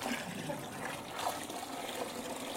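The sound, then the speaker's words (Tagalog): Water pours steadily into a mixture, a continuous splashing rush with no pauses, moderately loud and with no voices over it. “Kailan lang natin dagdagan ng tubig, kundi very chunky.”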